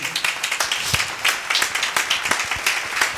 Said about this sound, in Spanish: Démosle palmas al Señor, hermano. Amén.